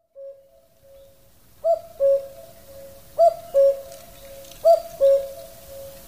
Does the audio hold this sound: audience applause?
no